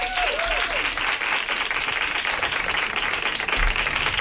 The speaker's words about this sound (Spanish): la quiero igual, así que un aplauso allá donde esté a Laura Márquez.